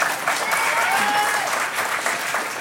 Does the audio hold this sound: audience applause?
yes